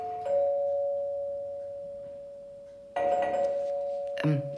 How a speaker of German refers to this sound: Das hat gerade an der Tür geklingelt. Vielleicht bekomme ich einen anderen Besuch.